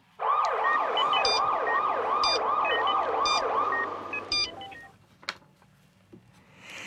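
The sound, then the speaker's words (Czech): A loud ambulance siren, from an ambulance circling on the way to a hospital, wails in quick, repeating up-and-down sweeps for about four seconds, then cuts off, leaving a few faint knocks and background noise. “Než tam trefíme, ta sanitka krouží.”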